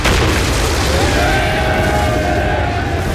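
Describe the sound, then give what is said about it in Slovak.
A Russian artillery shell whistles overhead at dawn above soldiers in a front-line trench, its thin tone sliding slightly downward over a loud, continuous roar of booming blasts and rumbling battlefield noise. “Po polnoci začali nás Rusi reflektormi námatávať a na brieždení zahvižďal nám nad hlavami prvý pravoslávny granát.”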